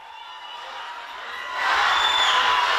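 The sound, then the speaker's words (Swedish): A large crowd of fans with flags cheers and applauds a woman arriving home in Sofia, Bulgaria, after Bulgaria's Eurovision Song Contest win: a dense roar of clapping and shouts that swells noticeably louder partway through and stays loud to the end. “Hon möttes av fans, flaggor och applåder när hon kom hem till Sofia efter Bulgariens historiska Eurovision-seger.”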